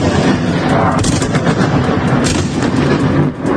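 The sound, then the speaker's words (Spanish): Intense Russian artillery fire in the early hours of the morning rumbles continuously, with dense, overlapping booms and cracks forming a loud, relentless barrage and no voices. “de la madrugada bajo intenso fuego ruso.”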